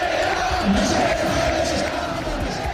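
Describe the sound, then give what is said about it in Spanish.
Football fans in the stands at Rayo's stadium chant together during a match against Athletic, suspended in the 13th minute after hundreds of fans threw paper planes and rubber balls onto the pitch. A loud, steady mass of voices holds a sustained tone over dense crowd roar, with no break. “Mientras tanto, en la grada se escuchaba lo siguiente.”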